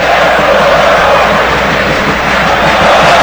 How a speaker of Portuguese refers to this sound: Sinta o clima do estádio do São Paulo. Ouça a torcida do São Paulo.